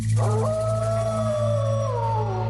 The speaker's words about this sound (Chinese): 很快随着一声嚎叫，整片狼群就向篝火冲来。